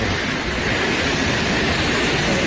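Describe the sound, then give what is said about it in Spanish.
A steady, powerful roar of a waterfall dropping 222 metres into a stone cirque, crashing onto rock, loud, a dense unbroken wash of noise with no voices over it. In a natural park on the border between Álava and Burgos, near the Orduña pass. “El sitio en sí ya es espectacular, pero claro, si ves caer esa cola de caballo, esa cola de agua, pues más todavía. Bueno, es que mira cómo suena, es que mira cómo suena.”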